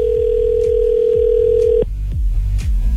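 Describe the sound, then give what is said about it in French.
A single steady phone ringback tone of an outgoing call to a friend holds for nearly two seconds, then cuts off, heard over a rhythmic beat of background music that continues afterward. No one speaks. “Ça me tente de l'appeler live, là. Je me demande s'il va répondre son téléphone.”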